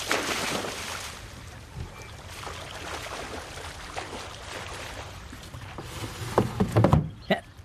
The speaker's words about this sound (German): Moment, dann springe ich kurz ins Wasser und hole die Angel wieder rein.